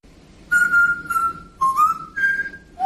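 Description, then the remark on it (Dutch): A parrot named R2 whistles a short Mario video game melody that its owner whistled to it, a series of clear, sustained high notes that step up and down in pitch with brief gaps between phrases, heard alone without talking. “Oké, dus we hebben een voorbeeld van een papegaai die Mario zingt.”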